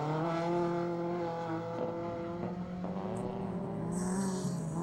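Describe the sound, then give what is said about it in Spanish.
Loud race car engines roar and rev continuously on a muddy dirt track in cold weather of about 10 degrees, with strong harmonic whine shifting in pitch as cars accelerate, and a brief high squeal near the end. “Vamos con el sonido ambiente, escuchamos esos motores.”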